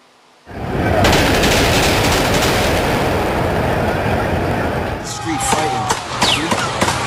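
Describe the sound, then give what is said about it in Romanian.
Several sharp gunshot cracks, fired by a 17-year-old during a brawl, ring out in Times Square, New York, amid a loud, chaotic outdoor din of crowd noise and shouting voices, with a few distinct bangs standing out near the end. “Panică în cea mai cunoscută intersecție din lume, după ce mai multe focuri de armă au răsunat în Times Square din New York.”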